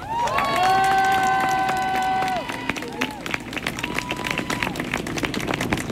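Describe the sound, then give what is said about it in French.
A crowd gives itself a thunder of applause, bursting into loud, sustained clapping with cheers and whoops rising over it, the clapping continuing densely and steadily throughout as voices shout and call out from the audience. “Alors avant de commencer, j'aimerais qu'on se donne nous-mêmes ce qu'on ne nous donne jamais, presque jamais, un tonnerre d'applaudissements.”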